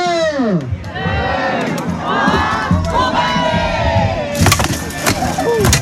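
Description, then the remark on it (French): A dense crowd encircling knights in armor roars and cheers at a béour armored combat bout on the heights of a French village, many voices shouting and rising in pitch, with a sharp metallic clash and wooden cracks of axe and sword blows breaking through near the end amid the steady din. “Sur les hauteurs de la cité, une foule compacte encercle des chevaliers en armure, prêts à en découdre.”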